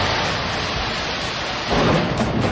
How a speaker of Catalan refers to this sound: Amb aquests trons que també van afectar, en aquest cas, a Sitges i moltes zones del país, unes pluges que van provocar també i fortes afectacions al Prat.